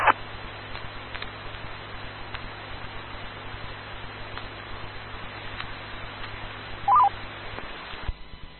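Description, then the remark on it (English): Two short DTMF touch-tone beeps, sent to return a radio repeater to normal operation, one at the very start and another near the end, over a steady background of radio hiss with no talking. “This is AC0UV returning a repeater to normal operation and getting on the phone with Brian.”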